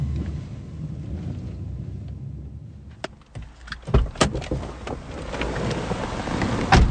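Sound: car driving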